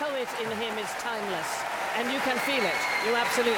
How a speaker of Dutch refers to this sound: En opnieuw groot applaus daar in de Royal Albert Hall in Londen voor de jonge Zuid-Koreaanse toppianist.